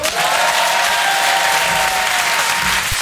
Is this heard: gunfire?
no